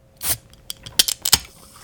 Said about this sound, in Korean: 언제 나갔다가 왔는지 바닥에 내려놓는 비닐봉지에 캔맥주와 소주가 가득했다.